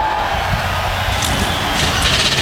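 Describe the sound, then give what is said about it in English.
A dense, loud roar of 38 NASCAR Cup Series stock car engines firing up and running together on the pit lane at Pocono Raceway in the Pocono Mountains, a continuous rumbling wall of sound with no pauses or talking. “And with that, 38 NASCAR Cup Series machines come to life on the pit lane.”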